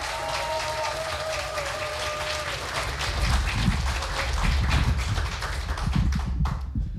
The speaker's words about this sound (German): Bitte heißt auch ihn mit einem 10-Punkte-Applaus hier vorne willkommen.